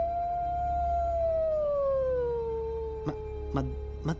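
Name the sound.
werewolf howl sound effect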